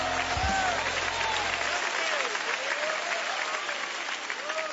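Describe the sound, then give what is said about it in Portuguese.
A church audience claps in praise of God, steadily and densely throughout, a loud continuous wash of applause with faint whistles or cheers rising over it, while a low hum fades out early on. “Pode louvar a Deus com as palmas, aleluias.”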